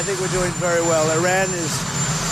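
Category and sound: vehicle, helicopter engine running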